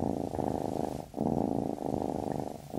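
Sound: cat purring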